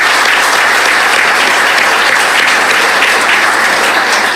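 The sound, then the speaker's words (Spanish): A crowd claps steadily and loudly for several seconds in thanks to the event's host and the show's organizer, a dense, continuous wash of many hands with no voices rising above it. “En verdad, muchísimas gracias y un aplauso, por favor, para ellos.”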